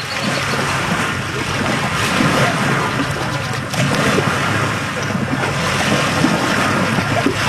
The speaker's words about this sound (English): The waves lap at Huntington Beach.